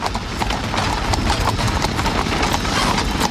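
Horse hooves of a horse-drawn tram in Prague clip-clop in a quick, steady rhythm of sharp knocks over a continuous low rumble as the tram moves along, fairly loud throughout.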